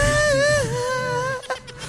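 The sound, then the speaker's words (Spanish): A voice imitates a woman crying, a high-pitched, wavering wail, a sustained whistly cry like a kettle, held for over a second before breaking off into short breathy bits. Fairly loud. “Está llorando, es una tetera.”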